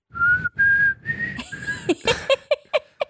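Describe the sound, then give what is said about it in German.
Someone whistles a song, starting with a few long sustained notes, then shifting into quicker, shorter notes in a bouncing rhythm, with breathy noise between phrases. “Wow, ey, du hast richtig gut gepfiffen.”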